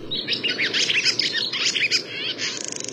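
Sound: barn swallow twittering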